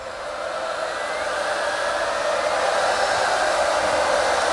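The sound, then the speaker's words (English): A festival crowd at Radio 1's Big Weekend in Liverpool roars during a live performance in a dense, unbroken wash of cheering that swells slightly louder as it goes on, with no single voices standing out and no one speaking over it. “I tell you what, that crowd were going crazy. Listen to them, listen to them.”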